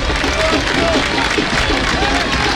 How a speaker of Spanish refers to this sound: No juega más el autor del gol, por eso los aplausos para Fernando Molina.